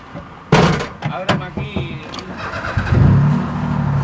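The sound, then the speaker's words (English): A car door thumps shut with a few clunks and rattles, then the engine of a tour guide's car turns over and settles into a steady, low idling rumble that keeps running to the end, on the empty streets of Havana, Cuba. “On one of my trips to Cuba earlier this year, a tour guide took me around the empty streets of Havana in his car to show the total collapse of the tourism industry amid the fuel embargo.”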